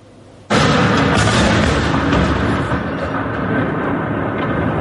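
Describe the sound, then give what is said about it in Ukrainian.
A sudden loud explosion bursts in after a quiet moment, then a heavy, continuous roar and rumble carry on without letup, powerful, with no voices. Explosions in Moscow and Moscow region during a massed air raid on the night of Sunday 17 May. “Місцеві жителі повідомляли про вибухи в самій столиці, а ще у Хімках, Лобні та Нарофомінську.”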